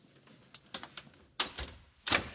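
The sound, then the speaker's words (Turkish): A very heavy car door, just fitted during a repair, is eased shut slowly, with several light clicks and rattles before two solid clunks as it latches. No one speaks. “Yavaşça kapatalım.”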